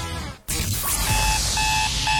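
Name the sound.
alarm clock ringing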